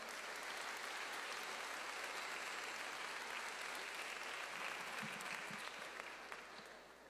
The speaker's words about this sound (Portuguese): Vamos dar mais um aplauso ao Senhor.